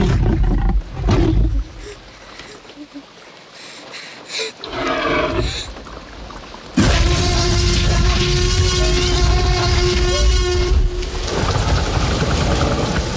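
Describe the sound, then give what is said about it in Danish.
A huge, layered Tyrannosaurus roar made from a lion and an elephant: a deep lion-like growl blended with a trumpeting elephant-like blare, bellowing loud for several seconds after a rumbling buildup, with no talking. “Jeg ved, hvad Tyrannosaurusen er lavet af. Tyrannosaurusen, det er en løve og en elefant.”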